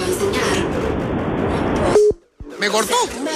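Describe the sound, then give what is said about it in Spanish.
Loud crackling phone-line static carries faint beeps of a telephone busy tone after the other party hangs up, ending in one clear beep before the line drops to silence. Voices then start talking. “¡Me cortó!”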